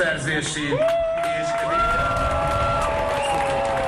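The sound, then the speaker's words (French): A large crowd in Budapest, Hungary chants and cheers loudly, many voices rising together in sustained shouts and whoops, chanting "put him in prison" after the new Prime Minister speaks. “Mettez-le en prison, scande la foule.”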